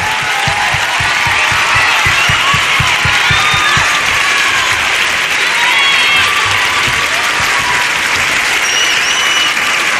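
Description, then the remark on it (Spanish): Loud, sustained applause from a large concert audience for the band, a dense roar of clapping hands that holds steady for the whole stretch, with faint whistles and cheers rising through it. “¡Fuerte el aplauso para la banda!”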